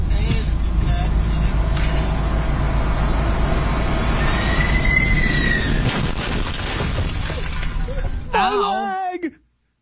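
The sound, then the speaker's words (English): Steady engine rumble and road noise from inside a truck on the turnpike near Newark Liberty International. Near the end comes a sudden sharp impact as a landing United Airlines flight arriving from Italy hits a light pole and clips the truck, followed by a startled voice crying out. “The FAA is investigating after United Airlines flight arriving from Italy hit a light pole near Newark Liberty International on Sunday, clipping a truck on the turnpike.”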